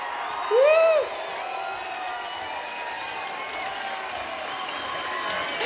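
Loud, steady applause from a crowd welcoming a band, with a sharp rising-and-falling whoop or whistle near the start and scattered cheers running through the clapping.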